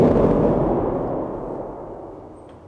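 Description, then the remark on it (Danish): A loud, deep organ rumble imitating thunder right overhead, played with a large pedal that presses all 12 lowest pedal keys at once; a dense low roar that starts at full strength and slowly fades over a few seconds with no voices. “Det kan jo altså også være en torden, der er lige op over.”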